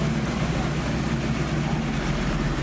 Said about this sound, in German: So, jetzt geht auch schon der Motor an.